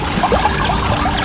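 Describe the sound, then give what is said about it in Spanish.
A thin, trickling flow of the Las Ceibas river as it sounds today, its flow reduced: a steady, gentle babble with small bubbling accents and no voices, heard on its own. “el río Las Ceibas ha bajado el caudal”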